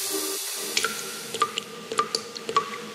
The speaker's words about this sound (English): The tap's dripping and you're leaving it because you can't afford a plumber's crazy call-out fee.